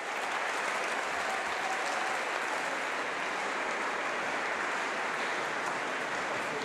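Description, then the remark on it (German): Sustained, dense applause from a concert audience giving conductor Patrick Hahn a minutes-long standing ovation after the last note of his final performance with his orchestra, a steady roar of clapping hands that holds at an even, loud level throughout without pause or speech. “Ein letztes Mal vor seinem Orchester und einem Publikum, das ihn minutenlang mit stehenden Ovationen feiert.”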